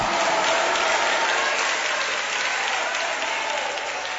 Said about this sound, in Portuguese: Você vai assentar, vai desocupar as suas mãos, e nós vamos aplaudir ao Senhor com muita alegria. Isso, coloca um glória a Deus no meio destes aplausos.